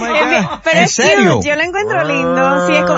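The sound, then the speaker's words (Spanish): A person's voice imitates a cow, giving drawn-out, wavering moo-like calls with sliding pitch that end in a long steady low tone, loud. “tú cuando masticas como una vaca.”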